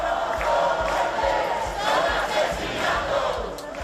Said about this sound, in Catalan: Ahir vespre, poc després que es conegués la notícia de manera espontània, molt dels acampats a Madrid es desplaçaren cap al Congrés en crits d'assassins i de vergonya.